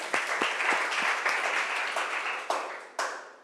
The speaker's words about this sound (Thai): ก็ต้องขอเสียงปรบมือให้กับเจ้าของคลิปสาระดีน่ารู้ในวันนี้ด้วยค่ะ